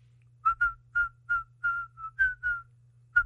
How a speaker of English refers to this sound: I'll be playing the guitar. Yeah. And instead of singing the lyrics, I just whistle